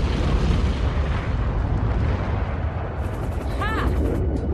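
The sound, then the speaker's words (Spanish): A grenade fired from a grenade launcher out of a helicopter's open side door hits the guard's tower at a prison and explodes, erupting into a heavy, sustained roar of low rumbling noise that stays loud throughout, with a brief high whistling sweep near the end. “La granada impacta en la torre desde la que dispara el guardia y explota.”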